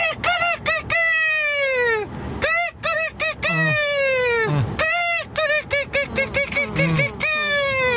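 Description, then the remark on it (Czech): A person imitates a rooster crowing, several loud cock-a-doodle-doo calls in quick succession with strained, rising and falling pitch and brief gaps between them. “Je to takovej milej, rostomilej kohoutek.”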